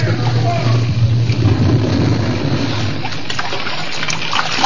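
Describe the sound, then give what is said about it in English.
Loud, continuous rush of churning seawater, a dense roaring wash with scattered splashes that keeps up steadily for the whole few seconds, heavy with a deep low rumble, as a torrent of seawater floods a burning, sinking ship. “A torrent of seawater cleared the flames as they made for the upper deck.”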